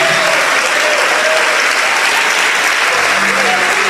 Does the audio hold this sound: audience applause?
yes